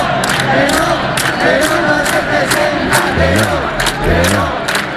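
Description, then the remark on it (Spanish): A large crowd at the 15M protests in Spain chants slogans in unison, loud and rhythmic, with sharp periodic accents like claps or shouted beats, and a few raised voices rising above the dense mass of sound. “Pero antes tuvimos que oír consignas como estas.”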